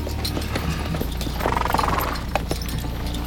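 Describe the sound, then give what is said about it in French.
Hooves clip-clop in an uneven, steady walking rhythm, several horses moving at a walking pace over a low rumbling background, with a brief tonal snort or whinny partway through. No one speaks. “Vous êtes à l'aise à cheval? J'ai conduit un char en Égypte, je devrais pouvoir me débrouiller. De toute façon, nous avançons au pas.”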